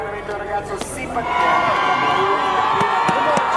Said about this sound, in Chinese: 下一位登场的选手已经迎来了全场的欢呼声，这是在2届冬奥会都登上领奖台的运动员，来自美国的亚历克斯·费雷拉，平昌冬奥会的银牌得主，北京冬奥会的铜牌得主。